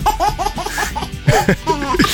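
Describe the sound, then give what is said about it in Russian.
A baby laughs in a quick series of bright, rhythmic giggles, fairly loud, with a few breathier squeals toward the end and no talking. “Исключительно детский смех. Именно смех, а не вагитус.”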